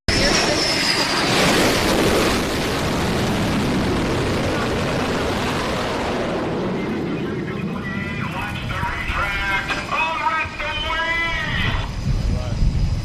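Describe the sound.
An F-18 fighter jet lands on an aircraft carrier during flight operations near the Strait of Hormuz, roaring past with a loud, broad blast that swells and then recedes, leaving a rumbling wash while voices call out over the fading engine noise.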